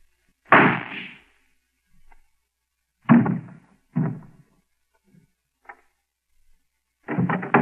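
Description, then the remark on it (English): A single sharp gunshot from a small flat-handled gun strapped under a coat alongside the chest cracks out, followed by several duller thumps and bumps at uneven intervals, with no talking. “I heard a shot.”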